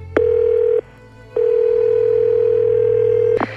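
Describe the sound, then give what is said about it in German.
A loud, steady telephone dial tone hums at a low pitch as a phone call is placed: a short burst, a brief pause, then a longer unbroken stretch that ends with a click. No one speaks. “Rufen wir doch mal an.”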